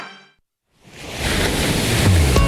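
Ocean waves wash in after a brief moment of silence, swelling into a steady rush of surf on the Mediterranean Sea on a mild May evening, continuing without any voices.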